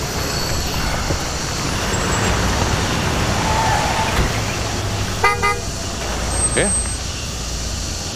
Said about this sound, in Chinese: 房里出啥事了？还来警车了？